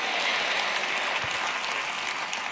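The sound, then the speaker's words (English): An audience applauding steadily, a dense continuous patter of many hands clapping at an even, fairly loud level, with no voices standing out above it. “Oh, if you can't clap, say amen.”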